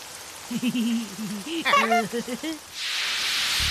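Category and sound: nature, rain falling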